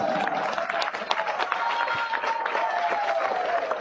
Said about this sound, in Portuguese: Louvemos ao Senhor, louvemos ao Todo-Poderoso. Aplauso forte para Jesus.